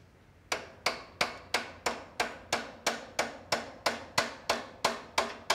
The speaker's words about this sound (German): Gib mir mal einen kleinen Hammer. Viele kleine Schläge lösen Rost. Mache ich jetzt hier den Glöckner.